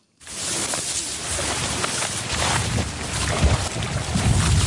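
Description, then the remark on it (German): Steady wind sweeps through golden-yellow reeds framing the wide, deep blue water of Lake Titicaca, a continuous rushing rustle with low buffeting rumble that swells slightly toward the end; no voices. “Der Wind fährt durch das Goldgelb der Schilflandschaften, die das tiefblaue, schier endlos weite Wasser rahmen.”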